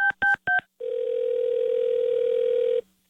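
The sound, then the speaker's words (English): Three quick, evenly spaced touch-tone beeps, then a steady, loud telephone tone hums for about two seconds before cutting off. No voices, just the phone line. “Don't answer the phone. It's another KWIN Carmen Frank call.”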